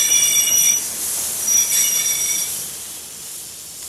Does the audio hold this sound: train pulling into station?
yes